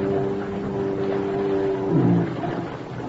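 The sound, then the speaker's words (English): A boat motor drones steadily over water in thick fog, a low continuous hum with a noisy wash around it that swells briefly near the end, as the boat makes its return trip. No one speaks. “He knows just about when my boat'll be coming along.”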